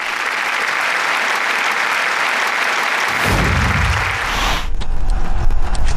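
An audience applauds steadily to welcome the next speaker to the podium, a dense wash of clapping that holds at a constant level for the whole stretch, swelling slightly toward the end with a low rumble mixed in; no one speaks.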